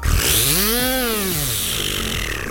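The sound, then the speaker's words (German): A voice imitates, with the mouth, a New Year's Eve buzzing 'bee' firework: a loud, continuous raspy buzz whose pitch swoops up, peaks, and slides back down, then holds a rougher drone to the end. “Ich kann mit meinem Mund eine Silvesterbiene nachmachen.”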